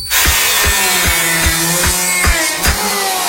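A power saw grinds loudly through wood in a workshop, its harsh, steady whine pulsing with a regular thumping rhythm about twice a second, with no voices.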